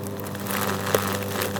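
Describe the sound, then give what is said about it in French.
A leaf shredder grinding leaves runs with a steady, droning motor hum beneath a coarse, rushing grind, holding an even loudness throughout, with one brief knock partway through. No voices. “La machine qui broie les feuilles.”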